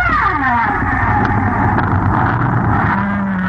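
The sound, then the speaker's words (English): Humpback whales sing in a tropical storm off the coast of Bermuda, 2,000 feet down, through a heavy, constant roar of storm noise, with moaning calls gliding downward in pitch early on and a steady low tone sounding near the end. “These are humpback whales singing in a tropical storm.”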